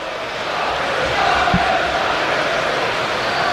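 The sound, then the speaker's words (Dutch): Football supporters chant "schaam je kapot" from the stands during a Feyenoord–Atalanta match, a dense, steady roar of many voices with a faint sustained sung tone drifting through the middle, staying loud throughout. “Het schaam je kapot klinkt volgens mij vanaf de tribune.”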